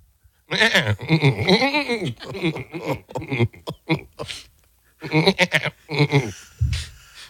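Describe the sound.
A man's voice mimics a goat, producing a run of loud, wavering bleats with quivering pitch and short breaks between cries, ending in a lower grunt.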